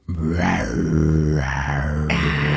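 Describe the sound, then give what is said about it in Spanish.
A person imitates a tiger's growl with one long, loud, rough, guttural rumble that swells and wavers for a few seconds, with no other talking. “Se me ponen los pelitos de punta con ese tigre.”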